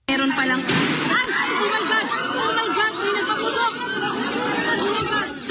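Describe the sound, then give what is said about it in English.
A sharp, loud bang of apparent gunshots bursts out near the start inside the Philippine Senate chamber in Manila during a live session, followed by a continuous uproar of many people shouting and clamoring at once, echoing. “In the Philippines, that country's Senate was thrown into chaos after apparent gunshots erupted inside the chamber during a live session in Manila.”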